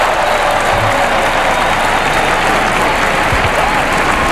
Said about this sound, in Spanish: El Papa aplaude junto a los reyes, el arzobispo de Barcelona, Pedro Sánchez y el presidente de la Generalitat.